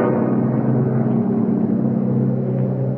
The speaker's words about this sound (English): A plane! It's coming over us!